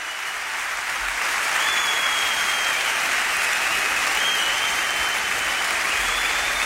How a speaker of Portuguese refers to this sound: Um grande aplauso